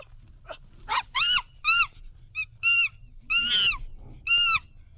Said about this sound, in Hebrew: טוב, בניגוד לצו של מקודם, עכשיו אנחנו יודעים שזה בטוח קופים, נכון?